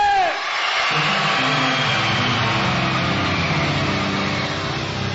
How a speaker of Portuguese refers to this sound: Vão gritar forte? Quem é corajoso? Quem é forte? Os meninos gritam é!